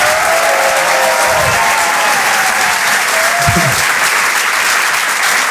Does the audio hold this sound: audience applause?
yes